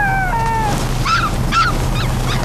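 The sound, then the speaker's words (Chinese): A dog in a bookshop whines in a few drawn-out, high-pitched notes, then gives four short rising-and-falling whimpers at a steady pace over a low background rumble. No one speaks. “您的狗有点闹啊。”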